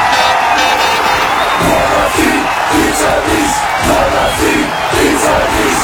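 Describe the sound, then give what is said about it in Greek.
A large football crowd roars and chants loudly throughout as a goal is scored, with rhythmic collective shouts rising and falling, dense and continuous with no quiet moments. “Να μπαίνει τον γκολ και να φωνάζεις. Γκολ αυτή, πίτσα εμείς.”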